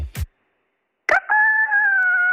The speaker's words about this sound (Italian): Quindi scusami, aspetta. Tu senti questo. E cosa provi quando vedi la gallina in quel momento che fa l'uovo?